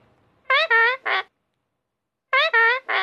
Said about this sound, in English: What's inside the box? Look. Wow, it's a parrot.